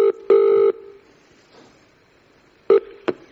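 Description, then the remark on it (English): Telephone dialing tones, clear: a short beep and a longer held beep, a quiet pause, then two more quick beeps, with no voices, as someone phones a sound engineer. “So I rang him.”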